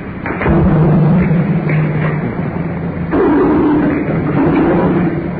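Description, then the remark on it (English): Heavy, droning rumble of cars crossing a bridge overhead, heard from the dark space underneath the bridge, swelling in two loud waves with low humming tones and muffled thumps, no voices. “More cars over our head.”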